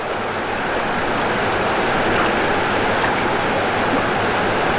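A steady, dense rush of falling water pours continuously, a broad roaring wash with no breaks, from a small waterfall spilling over a dam.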